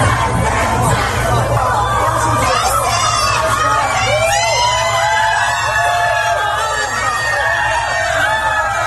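A large crowd waving flags and banners screams and cheers nonstop at a San Francisco rally awaiting former Taiwanese president Tsai Ing-wen, with many high-pitched shrieks rising and overlapping over a dense roar of voices. It's loud and sustained throughout.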